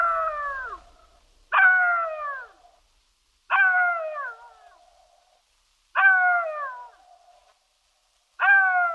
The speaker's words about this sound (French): Parce qu'il hurle à mort, rôde autour des cimetières et se nourrit de cadavres, le chacal est un animal de mauvais augure, au même titre que le loup.